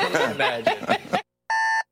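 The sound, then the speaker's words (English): A voice is heard briefly, then after a short pause an alarm clock gives one loud, steady electronic buzz lasting about a third of a second before cutting off. “Alarm. Coffee. Shower. Work.”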